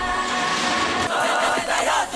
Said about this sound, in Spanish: Muchísimas gracias. Un fuerte aplauso